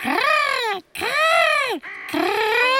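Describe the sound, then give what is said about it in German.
Three loud, harsh caws from crows, each drawn-out call rising and falling in pitch, separated by brief pauses, with no voices. “Ach ja, Krähen spielen auch noch eine Rolle.”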